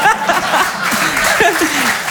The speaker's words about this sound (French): J'ai bien aimé l'hésitation. On a le droit d'applaudir ça?